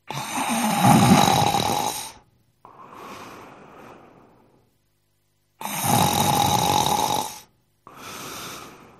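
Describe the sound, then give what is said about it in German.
Exaggerated snoring as if in deep sleep, imitated by a voice: two slow cycles of a loud, rasping inhaled snore followed by a softer, breathy exhale, with a brief pause between, clear with no talking. “Dann legte er sich nieder, und als er ein Weilchen gelegen hatte, fing er an zu schnarchen wie im tiefsten Schlaf.”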